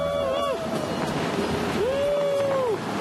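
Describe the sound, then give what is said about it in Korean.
Ocean waves wash steadily onto a beach, a loud continuous roar of surf, with two brief high gliding tones rising above the noise. “영화에 나오는 멋진 자동차를 타고 바닷가를 달립니다.”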